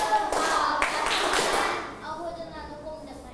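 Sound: hand clapping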